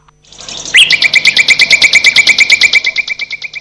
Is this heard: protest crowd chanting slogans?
no